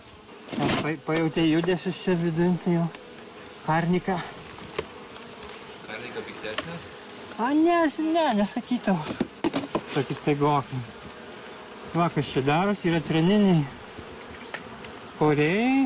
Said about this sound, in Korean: 나무에 구멍을 뚫어 만든 벌집입니다. 꿀은 좀 모였을까요?